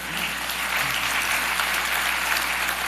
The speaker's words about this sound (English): Working with our legislature, I heard a few claps. I'm pumped up about that too.